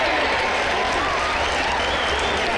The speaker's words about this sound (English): Now stop all the clapping.